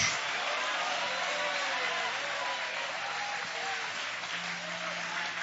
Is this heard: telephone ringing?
no